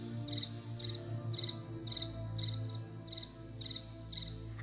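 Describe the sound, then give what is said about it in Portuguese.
Crickets chirp at night in steady, evenly spaced pulses of high trills, about two per second, over a low continuous background hum, with no voices present. “Os grilos estavam ali fazendo o seu canto.”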